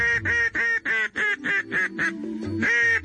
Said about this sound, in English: In the case of a duck call, you're really communicating with them when you blow these things. It's not just to attract their attention.